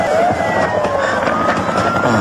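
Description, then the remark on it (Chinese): A police siren wails with steady, rising and falling tones as police arrive to make an arrest, loud and continuous over a dense wash of rumbling background noise, with no one talking. “他们拿着纳税人的钱来这儿抓纳税人了。”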